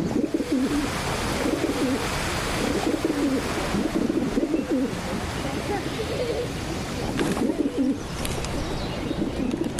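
Several male pigeons coo in low, throaty warbling bursts that overlap into a steady chorus, attracting potential mates while intimidating other males, fairly loud against a faint rushing background.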